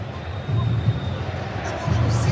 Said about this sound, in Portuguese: Gritaram? É, gritaram o nome do Reinier.